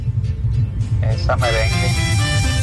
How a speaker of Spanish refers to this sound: Aunque se oía más el motor de tu carro, porque se escucha que tiene mucha fortaleza.